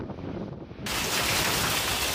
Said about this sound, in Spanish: Así de fuerte ha caído la lluvia durante la tormenta en Besalú, en la provincia de Girona.